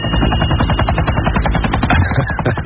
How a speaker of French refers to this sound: Ça, c'est l'hélico de David.